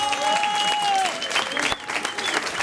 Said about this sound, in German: Hut ab vor diesen jungen Leuten, die sich da drüber getraut haben. Das ist ein Applaus wert. Großer Applaus.